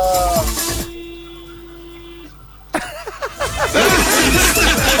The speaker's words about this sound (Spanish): Bocina número 19. Aquí va mi bocina. ¡Oh! Esa estuvo potente, ¿eh? Esa estuvo aquí potente.